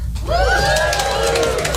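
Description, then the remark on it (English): A stand-up comedy audience, the people in relationships, cheers and whoops together in a brief burst, with high voices rising and sustaining over a steady roar for under two seconds. “People in relationships, give me a cheer.”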